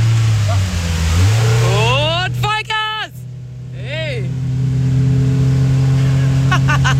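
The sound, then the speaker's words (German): A loud engine drones steadily, its pitch climbing as it revs up hard to full throttle with the control pushed all the way down, then holding a strong, sustained roar, with voices talking briefly over it. “Wenn ich jetzt komplett nach unten drücke, ist Vollgas. Dann ist Vollgas.”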